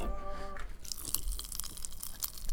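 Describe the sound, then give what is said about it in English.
A crunchy snack chewed right up against the microphone, with loud, crackly bites and crunches continuing steadily after a brief humming tone at the start. “He went from bag to hand to mouth. Now, what do? You pour play, right you in put, open your mouth near the mic.”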